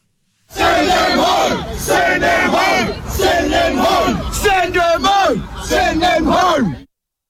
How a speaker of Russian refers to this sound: Сотни мужчин в масках шли по улице, неся бутылки, кирпичи и обломки камней, скандируя призыв к властям по поводу мигрантов. Отправьте их домой.